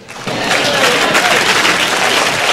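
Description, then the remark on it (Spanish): A crowd breaks into loud, sustained applause, the dense clapping swelling quickly after a brief quiet start and holding steady throughout. “Si ese es el aplauso, dáselo bien.”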